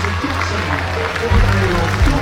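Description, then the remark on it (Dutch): A full cinema hall of enthusiastic fans with Cape Verdean roots in Rotterdam, watching a match, claps steadily, a dense continuous wash of hand claps heard from within the crowd, with a low rumble underneath that swells slightly after the midpoint. “Applaus hier in Rotterdam. Uit een volle bioscoopzaal.”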